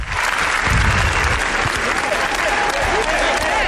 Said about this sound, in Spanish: Ayer fue el turno de los Javis, que presentaron La Bola Negra, por la cual recibieron 20 minutos de aplausos.